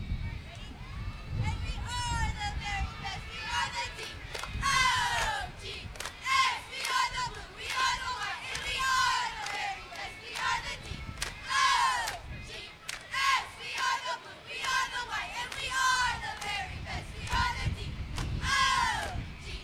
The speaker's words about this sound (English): We're the Hooker cheerleaders, and we're going to show you a cheer today.